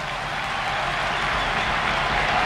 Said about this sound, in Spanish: Y va a entrar, ojo, Álvaro Morata. Ahí está la ovación.